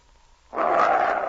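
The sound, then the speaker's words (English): After a brief hush, an animal named Thunder, kept in a pen, lets out a loud, sustained growl, a rough, rumbling roar that holds steady for under a second with no voices over it. “You're growling at me, eh?”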